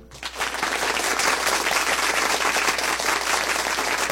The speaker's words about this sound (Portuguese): Isso, mais aplausos, mais aplausos. Mais aplausos, mais aplausos.